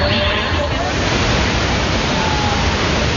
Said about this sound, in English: The majestic fall straddles the two countries.